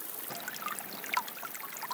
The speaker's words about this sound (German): Am Fuß des Bartbergs sprudelt eine Quelle aus dem Felsen, die trotz der Dürre nicht versiegt. Der kleine Bach wird zur lebensrettenden Oase.